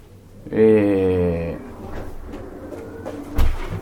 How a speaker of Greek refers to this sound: Θα κλείσουμε την πόρτα. Θα κλείσουμε, ναι, λίγο την πόρτα